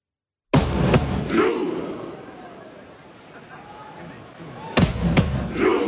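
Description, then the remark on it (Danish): A stadium crowd chants as Norway warms up: a fan leader's sharp drum thumps set off a loud, unified crowd roar that swells and slowly fades, then two more heavy beats bring the shout surging back. “At publikum, de bakker op om det her og siger den her lyd, når Norge varmer op.”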